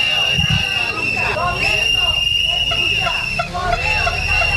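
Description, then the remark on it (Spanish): A crowd of public postal company workers protesting outside the main Correos post offices in Las Palmas de Gran Canaria over understaffing: a dense hubbub of many voices shouting and chanting at once, with a steady high-pitched whistle or siren tone running through the whole noisy din. “Así ha sonado la protesta frente a las oficinas principales de correos en Las Palmas de Gran Canaria”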